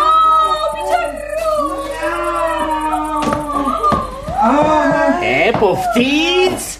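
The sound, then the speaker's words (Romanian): A voice does a drawn-out, wavering imitation of a cat meowing, rising and falling in pitch, with a couple of short sharp knocks partway through. It's fairly loud, with other voiced sounds around it. “Hai, da, miau!”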